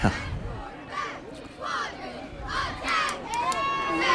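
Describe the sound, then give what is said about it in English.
A large crowd roars in swelling waves of cheers and shouts, with overlapping voices and scattered whistles rising and falling throughout, loud and continuous, from both full stands at a night football game involving Highland Home, in beautiful weather. “Good crowd out here tonight”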